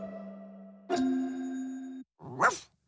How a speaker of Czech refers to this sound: Já jsem pes. A kdo je víc? Umím štěkat na měsíc.